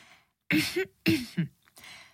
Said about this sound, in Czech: A vy si odkašlete a začnete vyprávět.